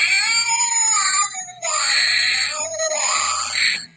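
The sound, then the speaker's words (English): A shrill, wailing cat screech from a Halloween sound effects toy from Dollar Tree, loud, in two long yowling bursts with a brief dip between, harsh and electronic-sounding with no talking. “Thank you, Dollar Tree, for that lovely, lovely sound effects thing for Halloween.”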